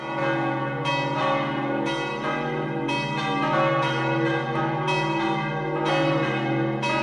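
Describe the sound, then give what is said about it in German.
Several church bells of the Roman Catholic church of Sachseln, in the canton of Obwalden, Switzerland, peal together in a full, continuous ringing, with overlapping strikes every second or so and a rich resonant hum sustained throughout; no voices. “Das ist das Glockengeläut der römisch-katholischen Kirche von Sachseln im Kanton Obwalden.”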